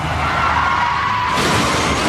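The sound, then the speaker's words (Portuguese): A car rolls over and crashes: a dense, grinding roar of scraping metal swells into a louder, brighter crunch partway through, loud, with no voices. “Chefe está capotando.”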